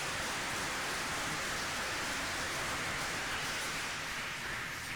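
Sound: audience applause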